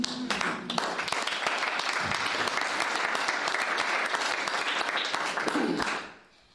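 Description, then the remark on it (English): A crowd applauds steadily for about six seconds, a dense, even wash of many hands clapping at full strength before it tapers off quickly at the end. “And I think we all deserve a round of applause.”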